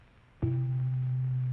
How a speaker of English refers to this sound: Now the sound of C below middle C.